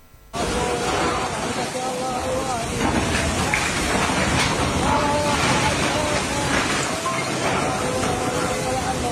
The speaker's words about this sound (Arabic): يعني صوت الأمطار يبدو قويا، لكن ما الذي يجري في هذا المقطع على وجه التحديد؟